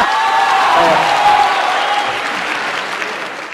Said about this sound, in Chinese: 那怎么分输赢呢？ 观众的掌声就是分数。